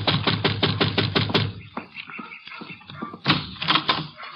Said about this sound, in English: And you better knock again.